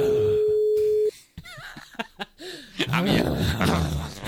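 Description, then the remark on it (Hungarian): A steady, unbroken ringback tone sounds on the phone line for about a second and stops abruptly as the called number goes unanswered, then voices and laughter follow. “Jó, egyelőre ő nem vette föl, jött a következő telefonszám.”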